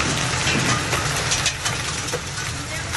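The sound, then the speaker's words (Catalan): A heavy storm in Tarragona, Catalonia, on the Costa Daurada and Camp de Tarragona, pours down torrential rain, hail and hailstones in a dense, steady roar, with sharp scattered clatters of impacts cutting through the constant loud wash of water. “Hi van caure calamarsa, pedra i grans quantitats d'aigua”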